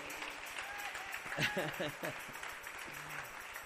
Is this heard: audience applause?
yes